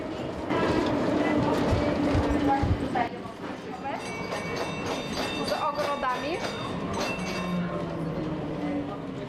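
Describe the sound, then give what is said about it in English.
A tram rumbles steadily along its tracks, wheels clattering over rail joints with thin metallic squeals, while faint voices murmur in the background. “These tram tracks have connected the city for over 140 years.”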